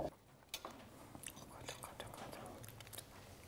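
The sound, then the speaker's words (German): Someone squeezes a burger together and bites into it, then keeps chewing with soft, wet crunches and smacking for several seconds, with faint breathy murmuring in the background. “Schön zusammen und einfach beherzt reinbeißen.”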